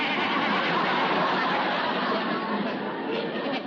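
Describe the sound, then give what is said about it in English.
A person bleats like a goat, a loud, wavering voice imitation that runs unbroken for several seconds, with no other sounds around it. “Stop bleeding like an old goat and come in, Judge, before somebody else sees me.”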